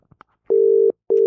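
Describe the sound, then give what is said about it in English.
A telephone ringing tone on a call: a steady, moderately loud electronic tone sounds in two bursts with a short gap between them, after a few faint clicks. No one speaks. “Okay, it's ringing.”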